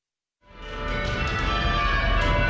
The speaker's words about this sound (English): When the bells ring on the Kalamazoo College campus, it takes strength and teamwork. As they each control the rope for a single bell.